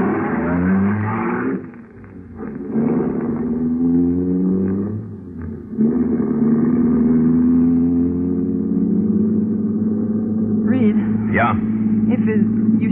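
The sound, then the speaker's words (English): A car engine drones steadily and fairly loud, with a low rumbling hum and a shift in pitch partway through as the vehicle gets moving and drives off to get out of town. “You close the safe and rush back to the car.”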